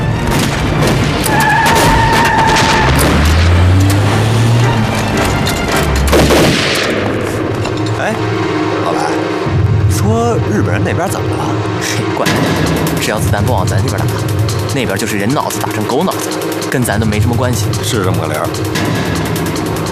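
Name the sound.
gunfire and explosions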